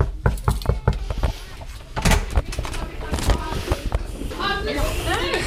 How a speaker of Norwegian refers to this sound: Nå står vi på utsiden av klasse 3B her på Lærvik skole, og vi banker på.